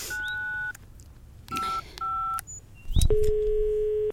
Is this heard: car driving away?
no